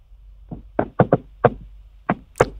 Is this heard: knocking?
yes